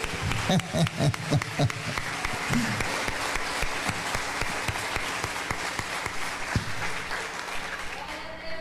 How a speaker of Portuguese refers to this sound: Então aplauda o nome de Jesus mais uma vez.